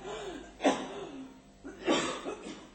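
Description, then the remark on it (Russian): A few harsh, breathy coughs with no talking: one sharp cough, a pause, then a rougher pair of coughs close together, moderately quiet over a faint background hum. “Это уже кашля.”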